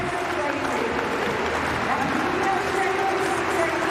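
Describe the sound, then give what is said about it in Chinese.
A stadium crowd at the London meet claps a rhythm for American jumper Claire Bryant before her jump, a steady, dense wash of applause and crowd noise that holds an even loudness throughout, with a faint voice occasionally surfacing beneath it. “接下来呢还剩美国选手克莱尔布莱恩特，这时候呢也是需要现场的观众去为他拍一拍节奏，打一打节拍，让他更兴奋一些。”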